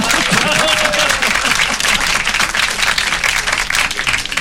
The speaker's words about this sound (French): On applaudit.